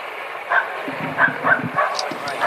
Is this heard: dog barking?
yes